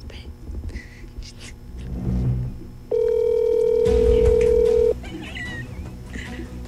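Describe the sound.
A telephone rings once during a phone call being placed, a single steady, mid-pitched electronic tone lasting about two seconds, loud against a low background of muffled voices and rumble.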